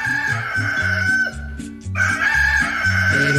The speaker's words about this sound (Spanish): Ya cantó el gallo, párese a ver.